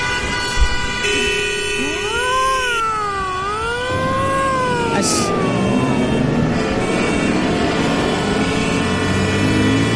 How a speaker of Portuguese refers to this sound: E como não teve vinheta antes, tem na saída.